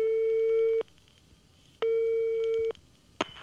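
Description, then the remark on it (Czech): A steady electronic telephone tone hums on the line in two long bursts, each just under a second, separated by a pause, followed by a faint click, as someone phones a school. No one speaks. “Zatelefonovat do školy.”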